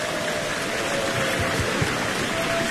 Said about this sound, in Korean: 네, 박수 주시기 바라겠습니다.